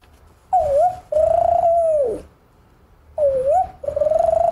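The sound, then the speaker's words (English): A voice imitates the cooing of a spotted dove, an Australian bird: two pairs of smooth, hollow hooting notes, the second in each pair longer and sustained, fairly loud, with no talking. “Spotted dove. That lives there, right? The spotted dove, yes.”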